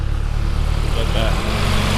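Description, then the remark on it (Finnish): A tractor's engine on the Tiistenjoki village road rumbles steadily with a deep, droning chug that holds at an even, fairly loud level for the whole two seconds, with faint higher noise drifting above it. “nyt maailman parhaassa paikassa, kun olemme tässä Tiistenjoen raitilla, josta muuten ihan kohta tulee raktori sekä koiraulkoiluttaja.”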